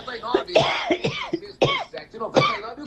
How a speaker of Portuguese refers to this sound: Cuidado dessa tosse, dia, né? Nossa Senhora, também estou com a tossezinha meio ruim.